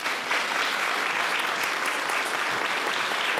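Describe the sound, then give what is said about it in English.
A crowd applauds steadily for Bruce, author of the book Big Sky, a dense wash of many hands clapping at a constant, fairly loud level throughout, with no voices standing out. “A round of applause for Bruce.”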